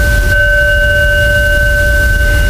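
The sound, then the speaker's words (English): A fire alarm rings with a steady, unbroken high-pitched tone that holds for the whole clip over a low rumbling background, with no voices. “Oh, well, right in the middle of a fire alarm.”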